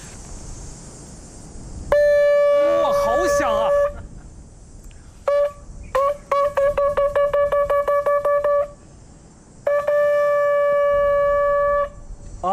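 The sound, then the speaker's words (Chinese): A horn blown from the corner of the mouth, demonstrated toward a camera and used to call macaques down to feed, sounds loud, buzzy blasts on one steady pitch: a long wavering note, a quick toot, a run of rapid short pulses, then another long held blast. “这个声音特别的大，因为刚才我刚好是对着这个喇叭口的位置哈， 对 啊，都能够感觉到这个声浪了。”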